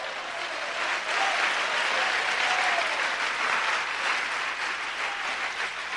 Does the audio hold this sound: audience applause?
yes